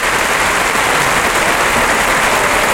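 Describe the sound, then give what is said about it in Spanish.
A bullring crowd gives a loud, sustained ovation for Juan José Trujillo after a good pair of banderillas, dense clapping and cheering that holds steady as a continuous wash of noise for about three seconds, with no voices standing out. “Qué gran ovación se está llevando Trujillo.”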